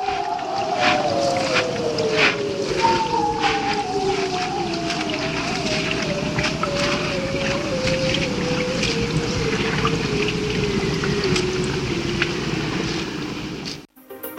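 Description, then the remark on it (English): Bearded seal calls recorded underwater: long, slowly descending warbling trills that overlap and glide downward for several seconds each, over a steady hiss with scattered faint clicks. “But let's leave you with more of that haunting sound of the bearded seals.”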